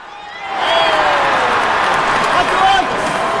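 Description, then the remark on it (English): A big crowd roars steadily at Fenway Park in Boston during a home baseball game, a dense wash of many voices and cheering that swells quickly after the first half second and stays loud throughout, as hawkers move through the rows of fans with metal warming boxes of Fenway Frank hot dogs. “Amid the roaring crowd, hawkers zip through rows of fans at Fenway with metal warming boxes balanced on their heads.”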